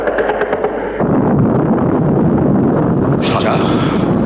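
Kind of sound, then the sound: impact, cannon fire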